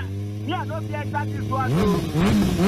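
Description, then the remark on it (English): An engine revs over a steady low drone, its pitch swelling and dipping in quick repeated surges, growing louder toward the end. “I don't oil my engine. Feel her.”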